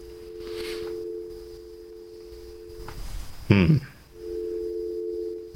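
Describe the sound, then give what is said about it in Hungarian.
A telephone ringback tone heard while a radio show calls a number in the morning: a steady, moderately loud electronic buzz sounds for about three seconds, pauses briefly with a short muffled noise, then starts again. “Azért még egyszer ellenőrzöm a számot, hogy nehogy valakit fölhívjak így reggel, mint a rádióból való telefonbezsárkodás.”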